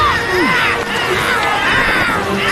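A dense, continuous chorus of wild shrieks and wavering screeches from the Amazon screaming beast, loud, overlapping like several animal cries at once, with no clear speech.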